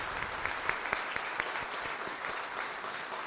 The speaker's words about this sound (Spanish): Y la que merece un gran aplauso es nuestra madre, la Virgen del Carmen.